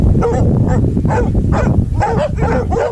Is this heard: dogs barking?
yes